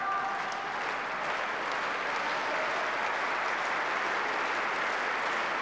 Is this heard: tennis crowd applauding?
yes